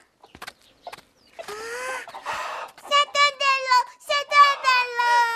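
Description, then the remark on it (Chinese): An old hen cackles loudly after laying an egg, a rapid, rhythmic run of harsh, repeated clucks that follows a few soft clicks and rustling. “是啊，老母鸡胆子可小了。”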